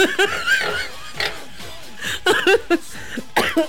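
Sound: coughing fit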